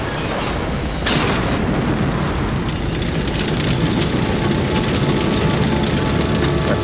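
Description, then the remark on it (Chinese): A loud explosion bursts about a second in as a tank is destroyed by Serov's crew, followed by a sustained, roaring rumble of blast and debris that stays heavy until the end, with no voices. “塞洛夫的队员也击毁了一辆坦克。”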